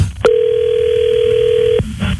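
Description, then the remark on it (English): A steady, mid-pitched telephone dial tone hums for about a second and a half as a man calls his wife, bracketed by sharp clicks as the line opens and closes, with faint low background rumble and no talking. “All right, here we go. Let's call her.”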